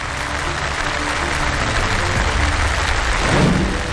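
A steady wash of audience applause fills the whole clip, dense and even like rain, with many hands clapping at once and a slight swell near the end.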